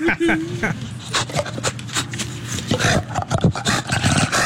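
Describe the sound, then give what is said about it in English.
An animal named Smooch lets out harsh, raspy roaring calls, several in quick succession, loud, with shrieking, reptile-like bursts and splashing noise in between as it barks and flaps. “Sounds like a velociraptor.”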